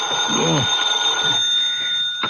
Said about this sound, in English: An hour later, you're back in your own apartment. Next morning, the phone awakens you.